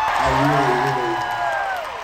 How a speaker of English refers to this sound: I haven't heard the roar of a crowd in 4 years. And I didn't know it.